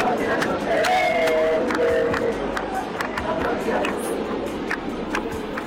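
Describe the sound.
Thousands of people at a street protest march in Argentina chant «La patria no se vende» in unison against a land law, voices rising and falling in a steady rhythmic cadence over a constant roar of babble, with sharp claps and shouts cutting through.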